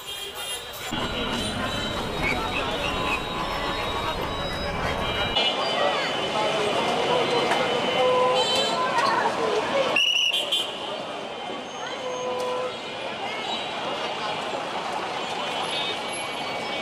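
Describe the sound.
A steady, loud din of a busy street in the center of Rajshahi at night: dense crowds with many overlapping voices chattering among heavy traffic, rumbling engines and passing vehicles, with high, thin horn-like tones threading through the constant noise.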